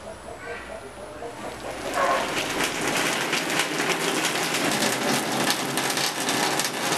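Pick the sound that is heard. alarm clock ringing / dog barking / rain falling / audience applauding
rain falling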